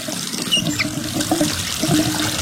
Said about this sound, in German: Völlig richtig. Ein vielleicht etwas älterer, aber zumindest funktionierender Wasserhahn.